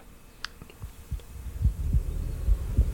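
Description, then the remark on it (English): Deep, muffled heartbeat thumps pulse in a steady rhythm at the start of a song by a Swedish band from Stockholm, starting faint and growing louder over a low rumbling hum, with a few soft high ticks early on. “It's got a bit of heartbeat at the beginning. Can you hear that? Dunk, dunk.”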